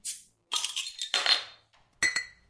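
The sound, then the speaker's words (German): Clinking beer glasses in the ORF jingle "Ein Bier für die Kultur": bright, high-pitched clinks with short shimmering tails, four or five strikes over a couple of seconds with brief gaps between them, no voices. “hören wir jetzt den Jingle »Ein Bier für die Kultur«.”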